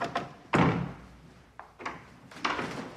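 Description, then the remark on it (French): A door bangs shut with a heavy thunk, followed by a few lighter knocks and clatters of the latch, as visitors enter the offices of the magazine Christus in a newly renovated building, with no one speaking. “On passe le pas de la porte de la revue Christus du magazine.”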